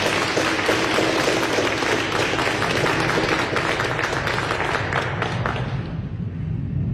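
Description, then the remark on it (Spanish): An audience at a Catholic Mass honouring the Virgen de Cocharcas applauds loudly, a dense, steady wash of many hands clapping for several seconds before thinning out and fading toward the end. “Fuertes aplausos a todos.”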